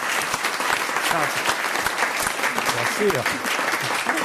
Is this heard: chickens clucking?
no